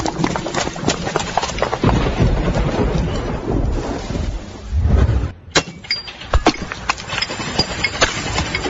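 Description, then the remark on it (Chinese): Steady rain pours down while deep rumbles of thunder roll through, swelling to a heavy crash near the middle before the downpour carries on with sharp drips and patters. “哎呦，这怕啥就来啥，这说下雨就下雨啊。”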